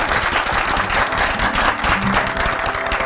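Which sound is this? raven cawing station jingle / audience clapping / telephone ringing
audience clapping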